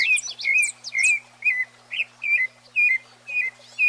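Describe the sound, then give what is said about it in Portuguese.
Birds chirp in the early morning, around 5:14 a.m., in a steady series of short, bright whistled calls, about two per second, with fainter tweets overlapping in the background and no one talking. “Olha, esse é o quê? Passo Preto, é? Papagaio, cadê o papagaio?”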